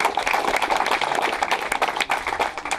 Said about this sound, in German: Haben wir 18.000 Euro Spendengelder für die Bergschiffmühle gesammelt. Das ist doch mal ein Applaus wert.